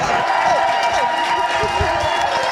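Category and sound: crowd, audience cheering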